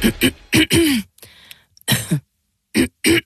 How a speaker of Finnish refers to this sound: Hei, älä suotta köhi.